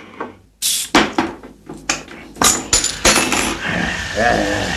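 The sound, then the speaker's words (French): Several sharp clinks and clatters of glass, then a steady crackling fizz of Coca-Cola bubbling in a glass, continuing to the end. “Ça pétille, ça fait du bruit, on n'a pas l'impression d'être seul, on a un interlocuteur.”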